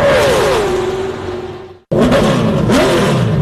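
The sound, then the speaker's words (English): Loud NASCAR race car engines rev and whine, pitch sliding down before a brief cut, then roaring back up with another rising, high-revving pass. “To rev your engines, NASCAR fans.”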